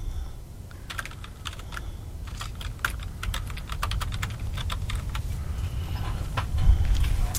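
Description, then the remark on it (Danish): Rapid, irregular clicking of keys on a computer keyboard over a steady low rumble, with short bursts and pauses throughout and no talking. “Jeg skriver lige, og så...”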